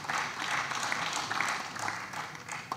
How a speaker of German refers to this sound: Dafür allen Beteiligten ganz herzlichen Dank. Kann man klatschen.